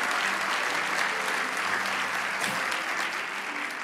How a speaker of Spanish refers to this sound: Vamos, dale ese aplauso. ¡Aleluya!